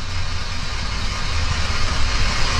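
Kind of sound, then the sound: nature, heavy rain falling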